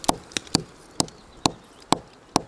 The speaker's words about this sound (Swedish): Det här trädet vet vi är dåligt redan. Nu ska vi knacka på trädet här.